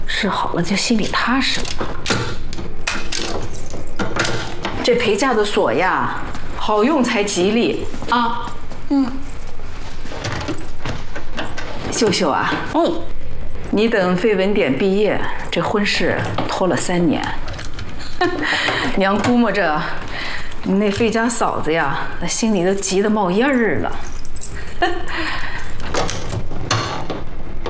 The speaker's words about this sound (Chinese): 哎，娘，给你试试这个箱子的锁啊。 哎，娘，所有钥匙俺用抹了一遍油，都试过了，好用的。 还得试试。